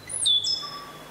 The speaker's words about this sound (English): the stitch bird. Hee hee.